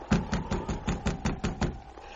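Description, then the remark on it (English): A steady series of about nine firm knocks on a wooden cabin door, evenly spaced, with no voices. “Oh, I guess she didn't hear the knock.”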